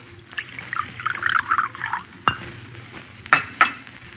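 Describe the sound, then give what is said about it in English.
Coffee is poured at breakfast, steadily into a cup for about two seconds, followed by a few sharp clinks of a spoon stirring against the china, over a faint low background hum. “Here, I'll pour you some coffee.”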